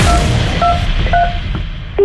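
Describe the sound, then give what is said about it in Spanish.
A telephone number being dialed: about four short touch-tone beeps spaced roughly half a second apart, heard over a steady noisy background with no one speaking. “Lo sentimos, el número que has marcado.”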